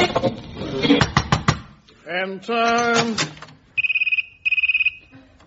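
Two short bursts of a trimphone's electronic warbling ring, high, rapidly trilling and clear. Before them come some vocal, mooing-like sounds and a clatter.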